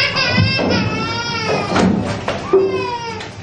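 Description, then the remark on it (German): A baby boy cries in a series of strained, wavering wails, loud and continuous with brief catches of breath between the cries. “So, jetzt schlafen. Nicht weinen, Kleiner, nicht weinen.”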